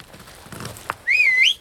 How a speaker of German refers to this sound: Was? So zum Pfeifen. Ist leicht. Würden Sie es mir beibringen?